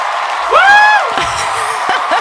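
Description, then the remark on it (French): A concert crowd cheering sound effect: a crowd cheers loudly, with a high whistle-like whoop rising and holding over a dense wash of shouting voices and scattered yells. “Pourquoi il y a une foule qui nous entoure ?”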